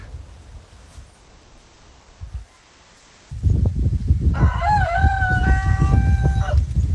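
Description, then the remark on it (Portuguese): An English rooster crows once, loud, a long harmonic call rising and holding before cutting off, over steady outdoor rumble and background noise. “Galo inglês, hein?”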